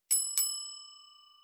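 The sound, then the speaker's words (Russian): The doorbell button beside the door to a closed corridor section of an apartment building is pressed, ringing with two quick metallic dings in succession, its bright, high chime ringing on and slowly fading in an otherwise quiet moment. “Слева кнопка звонка. Это первый фильтр от непрошенных гостей. Нажимаем на кнопку.”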